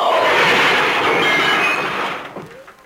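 Car tires screech in one loud, sustained, high-pitched squeal that holds for about two seconds and then fades away, as a driver heading home from a party suddenly meets another car too late to stop. No voices are heard.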